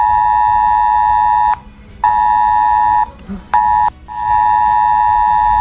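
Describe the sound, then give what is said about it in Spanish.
A loud, harsh emergency alert tone blares from mobile phones across Castilla-La Mancha at 10:30 on a Wednesday morning, as the regional emergency plan PLATECAM is activated in alert phase for the eclipse. It sounds in repeated bursts, a steady buzzing pitch cut by brief gaps, with no one speaking. “Eran las 10:30 de la mañana de este miércoles y en los teléfonos de todos los castellano-manchegos sonaba esto.”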